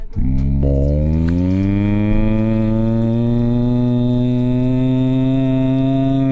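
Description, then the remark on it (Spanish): A single long, loud moo from a cow in a summer promotion for the Ranchería Don Emilio Vacas cattle ranch, rising slightly in pitch at the start and then holding a steady, droning tone for several seconds, with no talking. “Si te interesa una cabeza de ganado, siéntate a escuchar esta promoción de verano, Ranchería Don Emilio Vacas.”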